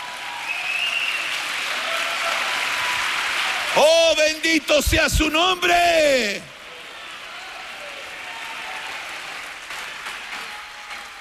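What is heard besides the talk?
audience clapping hands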